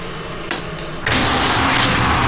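Before dawn on an old street, a breakfast shop that sells peanut soup is opened first: a brief knock, then a loud, sustained rattling rumble as its door rolls open, with no voices.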